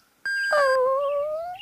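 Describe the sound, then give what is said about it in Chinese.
A puppy, a small spotted dog named Huahua, lets out a single drawn-out, high-pitched whine that starts sharply and trails off slowly over more than a second. It is clear, with no voices. “娘，它好像是要跟着咱们呢。 可怜的小狗，就让它跟着咱们吧。”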